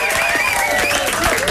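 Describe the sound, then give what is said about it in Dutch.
A crowd at the Slam Sunsets sunset DJ event applauds steadily and loudly to welcome a DJ, dense clapping filling the whole moment with some cheering voices mixed in, no pause or fade. “Welkom, welkom. Applaus voor ….”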